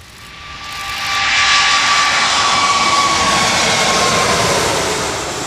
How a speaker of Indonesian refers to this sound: Meski berlangsung singkat, kedatangan pesawat A380 milik Emirates menjadi momen langka bagi dunia pecinta penerbangan.